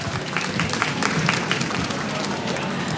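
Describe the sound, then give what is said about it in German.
A crowd applauds steadily as a guest is sent off the stage, a dense wash of many hands clapping at a fairly loud, even level for the whole stretch, with a few louder individual claps standing out. “Dann schicken wir dich einfach mit einem lauten Applaus von der Bühne.”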